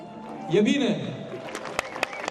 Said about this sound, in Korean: 관객들도 박수로 응원을 보냅니다.